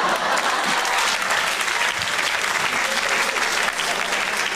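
A stand-up comedy audience applauds steadily, a dense wash of many hands clapping at an even, loud level throughout, with no individual voices standing out.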